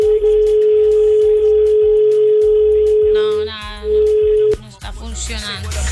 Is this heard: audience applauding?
no